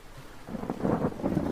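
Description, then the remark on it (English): A low, rolling rumble of thunder from a brewing storm swells in after a quiet moment and keeps growling steadily, dense and booming, with no voices present. “Like many animals, these penguins seem to fear the roar of the thunder and watch the sky with apprehension.”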